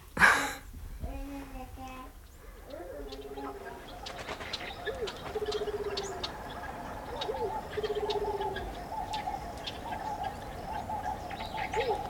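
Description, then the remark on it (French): Afternoon ambience in the Jardin du Luxembourg, with pigeons cooing in repeated low, throaty phrases, while small birds chirp in short high notes over a steady background murmur. “Un après-midi, au jardin du Luxembourg.”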